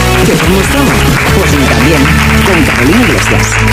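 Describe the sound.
Loud, sustained applause from an audience fills the whole moment, a dense wash of clapping with voices cheering and calling out over it, given for a journalist's investigation on a talk show.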